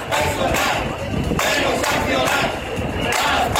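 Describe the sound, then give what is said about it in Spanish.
A large crowd of residents from Cieza, Barán and Blanca in the Murcia region, hundreds marching through the streets of Cieza with banners in defense of public healthcare, chants slogans in unison, loud and continuous, with rhythmic surges of many shouting voices blending into a dense roar. “Vecinos de Cieza, Barán y Blanca se manifestaron ayer en defensa de la sanidad pública.”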